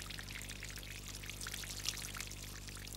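Hot molten bronze pours into a hollow plaster mould made by the lost-wax process during casting. It makes a continuous hissing, crackling rush, with a few brighter sputters over a steady low hum, and no voices.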